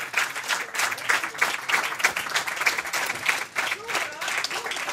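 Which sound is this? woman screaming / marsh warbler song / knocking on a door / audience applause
audience applause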